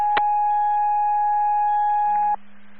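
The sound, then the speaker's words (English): A radio burst with a click followed by a single loud, steady electronic fire dispatch alert tone held for about two seconds, sending a crew to a brush fire on State Highway 17 eastbound near exit 89; a lower hum joins near the end before it cuts off into static. “Show us acknowledge and tones.”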